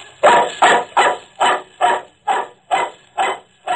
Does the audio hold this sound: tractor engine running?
no